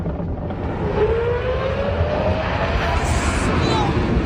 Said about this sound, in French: Voilà, je vous rappelle que c'est pas un avion, hein, c'est un grand 8. C'est spectaculaire, c'est indécent pour du divertissement